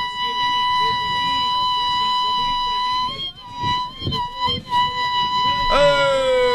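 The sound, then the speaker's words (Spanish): A single loud sapucai, a long high-pitched shout held on one steady tone for several seconds, then wavering and breaking into a sharp upward whoop at the end. “No, bueno, está, tremendo zapucay. Sí, un grito, no varios.”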